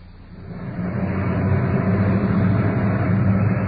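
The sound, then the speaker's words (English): A uniformed police car's engine rumbles up from a quieter start and settles into a steady, loud drone with a deep, throaty hum as the car arrives at the scene of a trouble call. No voices. “Arriving on the scene at this trouble call is the uniformed car parked out in front.”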